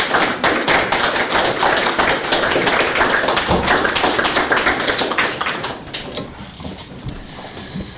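An audience claps in a dense, steady burst of applause that holds loud for several seconds, then thins out and fades into quieter, scattered claps. No one speaks.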